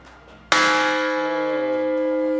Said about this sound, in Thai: ตรงนี้เป็นระฆังระเบิดเป็นไฮไลท์สำคัญแห่งจุดหนึ่งของวัดลูกระเบิดสมัยสงครามโลกครั้งที่2นะครับเป็นลูกระเบิดตีทหารฝ่ายสัมพันธมิตรเปิ่นเอามาทิ้งทำลายสะพานรถไฟเพื่อสกัดการเดินทางของทหารญี่ปุ่น